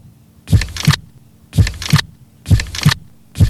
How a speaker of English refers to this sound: sit back, relax, and take a moment to listen to your heartbeat. It's beating steadily, slowly, one beat after another. Listen carefully to each beat of your heart, because in the space of that heartbeat, you can save your own life.